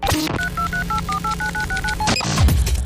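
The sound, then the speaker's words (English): A quick run of about ten touch-tone keypad beeps, evenly spaced and clear, as a phone number is dialed to call Trinity Equipment Parts on Taze Branch Road in Paintsville, with a click or clatter of the handset before and after. “Okay, it's time to get back on that phone and talk to”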